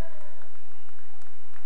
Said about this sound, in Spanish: ¡Fuerte los aplausos!